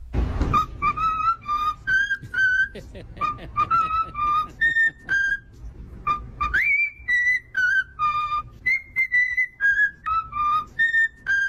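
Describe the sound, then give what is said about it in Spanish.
A cockatiel, a small-crested cockatoo native to Australia with yellow and orange cheeks, whistles the Happy Birthday tune in clear, bright, high-pitched notes. The short phrases rise and fall in steady rhythm, with brief gaps between them and no voices. “Es un loro, una cacatúa, piando lo que es el cumpleaños feliz.”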